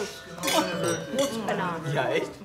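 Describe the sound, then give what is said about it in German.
Glasses clink together in a toast, several bright chimes scattered over a couple of seconds while voices murmur and talk underneath. “So, ihr Prost, tollen Menschen, Prost, aufpassen.”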